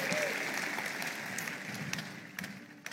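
An audience claps steadily for a few seconds, a dense wash of many hands with scattered sharper claps poking through, fairly close and sustained before tapering slightly at the end.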